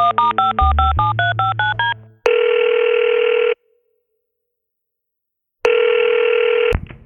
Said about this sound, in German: Da nimmt Dave Gahan sein Telefon zur Hand und wählt eine Nummer.